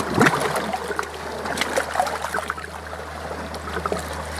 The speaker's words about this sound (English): Water splashes against the faceplate.